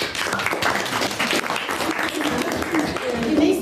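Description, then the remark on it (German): Sustained applause from a group for everyone and their posts and slides, a dense steady wash of many hands clapping at fairly even loudness, with a few faint voices or cheers mixed in toward the end. “Applaus für alle und ihre Posts und Slides.”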